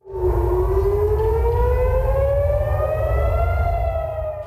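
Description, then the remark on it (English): A loud civil defense air raid siren wails steadily across Jerusalem, its pitch slowly rising, with a low rumbling hum beneath and no voices. “Siren sound across Jerusalem.”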